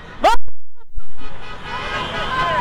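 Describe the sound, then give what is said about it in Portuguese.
Car horns honk from a distance over a steady wash of street noise, several blasts overlapping after a short sharp opening toot, with voices faintly mixed in: drivers leaving the arena parking lots honk to celebrate a Grêmio goal. “Mas dá pra ver o buzinaço, coisa bem boa isso.”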